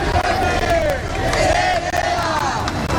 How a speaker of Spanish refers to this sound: Es sonido de la protesta que arrancaba a las 6:30 de la tarde desde la Puerta del Sol hasta el Congreso de los Diputados para reclamar medidas urgentes que garanticen el derecho a la vivienda.